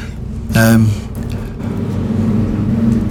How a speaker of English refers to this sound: Is that a lot of noise outside, or is that coming through my headphone? That's outside. Yes. Planes flying above.